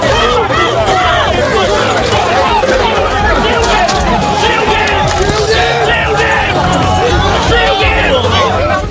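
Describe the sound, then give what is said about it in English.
A dense protest crowd gathered around police in Gosport, as migrants arrived in a small boat, fills the scene, many overlapping voices shouting and chattering loudly and continuously, with no single voice standing out above the steady roar. Flares were set off during the standoff. “Crowds gathered around police and flares were set off during the standoff.”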